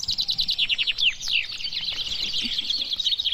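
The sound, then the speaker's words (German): Eighteen chaffinches sing at once at a traditional finch singing contest in Bennekenstein in the Harz, Germany, on Whit Monday, in overlapping, high trilling phrases, a dense chorus of rapid descending notes and chirps filling the air with no one talking. “18 Finken haben hier auf einmal getrellert beim traditionellen Finkenmanöver in Bennekenstein im Harz.”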